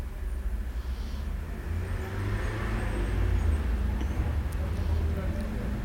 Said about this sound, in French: Des voitures qui viennent de la rue du Fou.